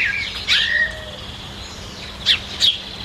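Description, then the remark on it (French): Birds chirp and sing outdoors, with a few bright, high calls at the start and two quick chirps near the end over a faint, steady ambient background. “Elle reste sur son banc, au pied de l'olivier, et puis elle écoute les oiseaux chanter.”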